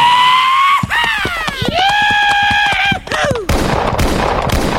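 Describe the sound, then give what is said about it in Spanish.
A gunfire sound effect: rapid, evenly spaced gunshots crack over a loud, sustained wavering tone, then give way to a dense, noisy burst of gunfire-like crackle at the end. “No, pero sin balazos, sin plomazos.”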